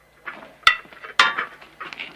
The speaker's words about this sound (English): Hallie collects more plates ready for serving.